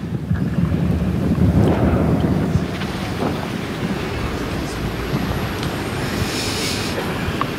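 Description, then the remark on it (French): Strong wind roars and buffets across an outdoor clay tennis court during a match, a dense, continuous low rumble heaviest in the first few seconds, then settling into a steady gusty rush with a faint hiss on top. “J'ai l'impression d'être à un tournoi en Bretagne avec le vent.”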